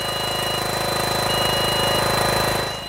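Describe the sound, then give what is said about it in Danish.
A steady, loud mechanical drone of an industrial vacuum cleaner, used to remove caterpillars found on Amager Fælled, runs without pause, with a broad roaring hiss and a thin high whine, easing off slightly at the very end. “Det er korrekt, og den lyd, vi kan høre i baggrunden, det er altså den støvsuger, der skal være med til at bekæmpe de larver, der er fundet her på Amagerfællet.”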